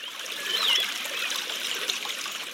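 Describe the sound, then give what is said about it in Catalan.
Steady trickle of water from a spring at the foot of El Toro mountain, a soft continuous hiss-like babble with faint bright gurgles, moderately quiet, no voices. “En els anys que plou molt, hi ha fonts que tornen a renéixer.”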